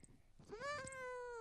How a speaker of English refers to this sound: the greatest cat on earth. Meow. Meow.